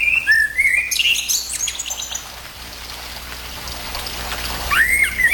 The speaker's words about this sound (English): All right. Before we go to news here, let's just have a listen. Remind everyone what that common blackbird song sounds like.